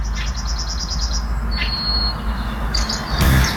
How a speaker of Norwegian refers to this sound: Hør på denne fuglekvitteringa da.